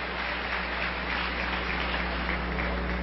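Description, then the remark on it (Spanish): An audience claps steadily for about three seconds, a dense, even patter of many hands at a constant level, with no voices over it and a low hum underneath, during a sermon addressed to pastors. “Yo creo que las que aplaudieron fueron las esposas.”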